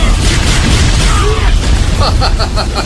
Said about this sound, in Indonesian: Bola api!